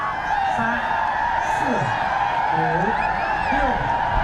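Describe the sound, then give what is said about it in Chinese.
A crowd of spectators at a yak-riding competition cheers, whoops and applauds in a dense, steady roar that holds for the whole stretch, with rising shouts poking through and a voice talking over the din. “惊险刺激的比赛场面也赢得了现场观众的阵阵掌声和欢呼声。”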